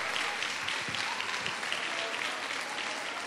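A crowd applauds steadily, a dense wash of many hands clapping at an even, sustained level for a few seconds with no voices standing out. It is a round of applause for a woman in the audience whose birthday is that day.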